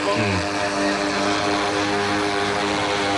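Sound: drone propellers whirring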